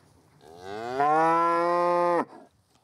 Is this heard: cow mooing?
yes